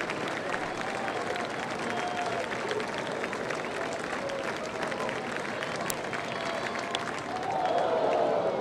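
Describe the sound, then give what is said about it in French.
A home crowd at a Goldeyes baseball game on a Wednesday evening applauds steadily, a dense wash of clapping with a few high whistles and cheers rising through it, swelling louder in the final second. “Et voilà la foule. Une bonne foule aussi pour un mercredi soir, là, quand même.”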